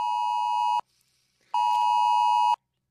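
The Oz Alert national emergency phone alert test tone, to be tested nationally on phones on 27 July at 1:30 p.m.: two long, loud, harsh electronic beeps separated by a brief pause, steady in pitch, with no voices.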